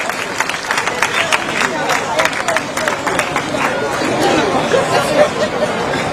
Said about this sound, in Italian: complimenti, complimenti davvero, ancora un applauso. Bravi, bravi, bravi.